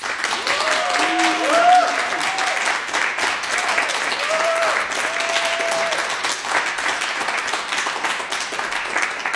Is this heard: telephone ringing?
no